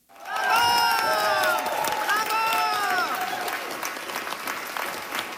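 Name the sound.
audience applause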